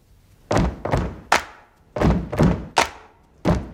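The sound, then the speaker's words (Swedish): In a scene from the film Bohemian Rhapsody, people on drum risers make heavy foot stamps and sharp claps in a steady two-stomps-then-clap pattern, with the clap on the third beat. Loud thuds, with no voices over them. “Stamp to this beat. Now I want you to clap on the third beat.”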